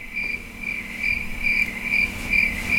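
A cricket chirps steadily, its shrill trill pulsing in quick bursts about twice a second over a soft background hum, with no voices.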